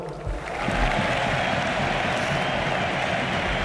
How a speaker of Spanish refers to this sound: Aplauden Deco y Boyan en el palco del Camp Nou, junto a Alejandro Echevarría. También Joan Laporta.